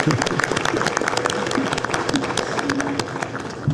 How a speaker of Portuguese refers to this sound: Nossa, salve de palmas para ela, pela descontração.